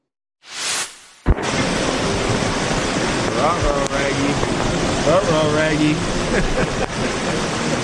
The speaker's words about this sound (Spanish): We're screwed. Flash flood. It just poured rain so hard. And this is the result.